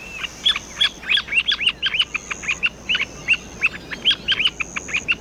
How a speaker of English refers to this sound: Here's an example of the bird's chirping call.